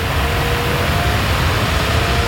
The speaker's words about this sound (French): Ça c'est la clim, hein. Ça y est, on a branché la clim. Ah oui, le bruit de la clim que vous entendez derrière, c'est pour illustrer le thème de la pétition baptisée « Coupons la clim ».